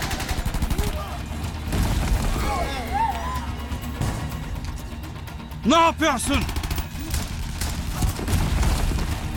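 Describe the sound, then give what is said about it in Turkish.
Heavy, rumbling blasts and crackling gunfire fill the scene in a continuous loud din, while men shout over the chaos, one voice yelling sharply midway through. “Neydi o? Patlama gibiydi.”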